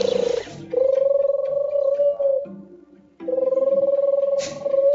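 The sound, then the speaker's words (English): A voice imitates a turtle dove, a bird call based on an animal shown in the National Geographic series Africa Earth's Wild Home: two long, low, purring coos with a rolling, trilled texture, steady in pitch and fairly loud, separated by a short pause. “The turtle dove.”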